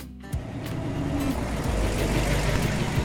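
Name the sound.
car driving on road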